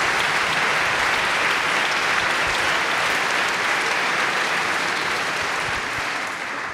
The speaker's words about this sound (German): Und deshalb bitte ich auch nochmal um einen freundlichen Applaus